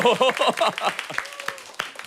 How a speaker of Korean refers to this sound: 너무 좋잖아요. 네. 이렇게 박수 치는 거 오랜만에 봅니다.